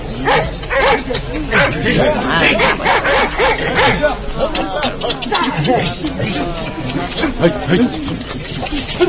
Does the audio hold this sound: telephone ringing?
no